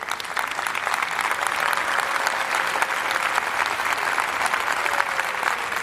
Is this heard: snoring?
no